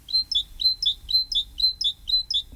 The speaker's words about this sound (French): Autre oiseau extrêmement commun un peu partout, et il n'y a pas besoin d'aller à Ouyès pour ça, c'est la mésange charbonnière, bien sûr.